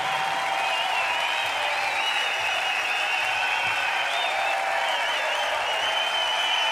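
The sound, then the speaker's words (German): A large audience at the Heimatsound Festival in the Passionstheater, Oberammergau, keeps up dense, steady applause for the whole stretch, a continuous wash of many hands clapping at an even level, with no voices rising above it. “Ein Applaus, der kein Ende nehmen will.”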